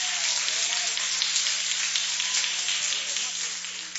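A church audience applauds together to welcome a preacher, a dense, steady wash of many hands clapping that stays loud and even for about four seconds without pause.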